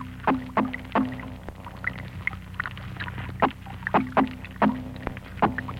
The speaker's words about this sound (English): And these are spotfish in a tank.